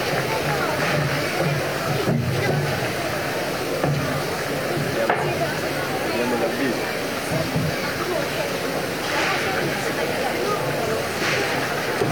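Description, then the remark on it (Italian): Steady applause from the public in Imperia, Italy, greeting the arrival of the Italian tricolour flag on the quay, a dense crackle of many hands clapping that carries on without a break for the whole stretch, with murmuring voices mixed in underneath. “E allora ecco qua l'arrivo, l'applauso del pubblico di Imperia, l'arrivo del tricolore in banchina, che negli anni è sempre stato uno dei momenti più suggestivi.”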